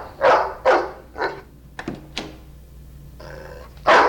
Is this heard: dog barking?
yes